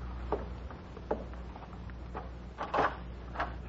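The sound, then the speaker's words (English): A door being opened to answer a caller: a handful of soft clicks and clunks from the latch and handle, spaced irregularly with a slightly louder rattle near the end, fairly quiet and with no voices. “I'll answer the door.”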